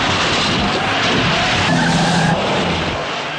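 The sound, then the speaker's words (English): A stock car skids loudly during a race as one car T-bones another, pushing it out of the way; tires screech over a dense roar of engines, with a sharper squeal rising briefly in the middle before the noise tapers slightly. “They T-bone another car, pushing it out of the way.”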